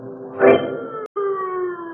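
Several dogs following a trail howl together in long, sustained wails that overlap, with a brief louder swell early on and a short break before the chorus carries on steadily.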